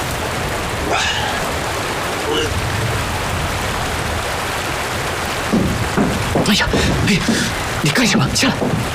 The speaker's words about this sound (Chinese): 今天外面下雨，街上一个人都没有，谁能看到？